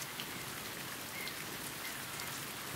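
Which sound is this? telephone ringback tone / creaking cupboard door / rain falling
rain falling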